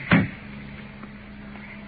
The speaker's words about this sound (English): He's got the car door locked on both sides. Let's open the door.